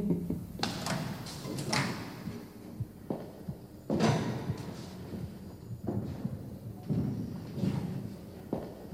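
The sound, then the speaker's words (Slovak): A door is shut firmly with a heavy thud, followed by a few more knocking bangs and rattles spread over several seconds, with no one speaking. “Poriadne pribuchnite.”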